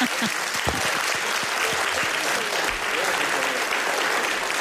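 An audience in Zaragoza claps steadily, a dense wash of many hands applauding at a constant loud level throughout, without pause.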